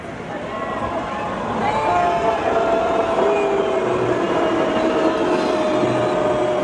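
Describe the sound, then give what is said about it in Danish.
A concert crowd reacts while a text criticising the Danish government is shown on the big screen: it roars steadily, many voices shouting together in a dense, loud wash. A few drawn-out sung or chanted notes rise above the din, and it grows slightly louder after the first seconds. “Det vi hører her, det er lyden fra publikum, da der på storskærmen kørte en tekst, hvor”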